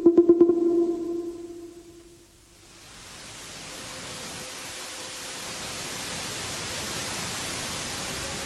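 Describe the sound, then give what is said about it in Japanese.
A brief ringing tone fades out, then ocean waves rise into a steady, broad rush of surf at the seashore, continuous and moderately loud with no voices. “わあ、海へ来ちゃったよ。”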